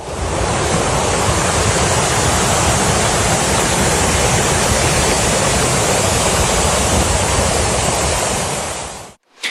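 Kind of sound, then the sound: nature, rushing flash-flood water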